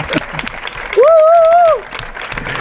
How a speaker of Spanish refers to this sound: Insólito también porque es la 1:32 de la madrugada y la plaza está abarrotada. Y porque este aplauso no dedicado a nosotros demuestra que hemos ganado a Bélgica.